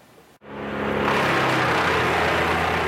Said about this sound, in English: The sound of wood chippers fills the air just east of Rocky Mountain House. Machines destroying uprooted trees on this property just outside of town after a severe storm moved through the area Saturday evening.